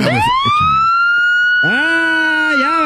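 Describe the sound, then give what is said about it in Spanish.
A police car siren blares loud as a car is pulled over, a rising wail that holds steady, then switches to a lower, warbling yelp that dips and rises before cutting off. “Ya valió madre, ya nos pararon.”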